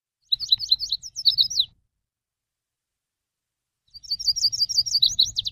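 A northern yellow warbler sings two bright, rapid phrases of sweet high notes, separated by a pause of a few seconds, clear with no voices present.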